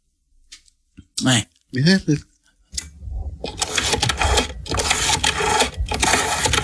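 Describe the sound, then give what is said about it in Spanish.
A rotary dial telephone being dialed: after a short burst of talking, a loud, steady mechanical whirring with rapid ratcheting clicks runs on without pause to the end. “Era un teléfono del disco, güey.”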